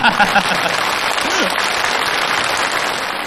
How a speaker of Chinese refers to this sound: 哎，这个大伙儿为什么掌声这么热烈呀？ 那是 主要是欢迎您。